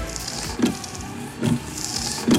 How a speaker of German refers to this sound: Aber spätestens ab heute laufen die Scheibenwischer im Auto wieder im Takt.